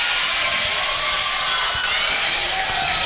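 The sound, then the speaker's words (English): A dense, steady roar of a high school gym crowd at a game between Red River and Central, the Central crowd chanting, many voices blending into a loud, continuous wash of cheering and chanting with no single voice standing out. “And you can hear the chant below us.”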